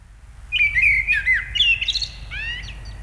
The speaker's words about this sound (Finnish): Ja sitten jonkin ajan päästä ensimmäinen rohkea lintu uskaltaa aloittaa laulunsa.